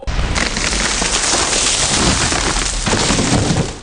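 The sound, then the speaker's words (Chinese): A large tree crashes down with a loud, sustained roar of splintering wood and snapping branches, dense for several seconds with no voices. “每次抽纸的背后，都有电锯和大树倒下的声音。”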